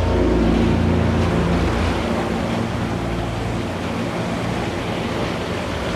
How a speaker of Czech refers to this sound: Moře je pořád rozbouřený.